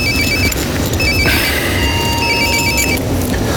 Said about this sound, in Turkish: Telefon da durmadı ha.